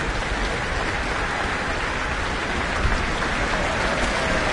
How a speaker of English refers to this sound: This is her New Zealand debut, conducting with the Auckland Philharmonia. And the percussion have now got their acknowledgement. They've had a lot of hard work to do over the past 46 or so minutes. French horn, receiving some applause.